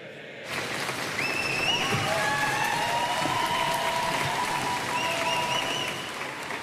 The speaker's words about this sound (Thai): เสียงปรบมือและเสียงเชียร์ดังกระหึ่มเมื่อเคียร์สตาร์เมอร์นายกรัฐมนตรีอังกฤษเดินออกมาจากบ้านเลขที่10ถนนดาวนิงกรุงลอนดอน